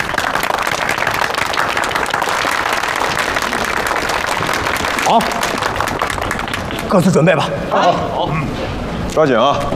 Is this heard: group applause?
yes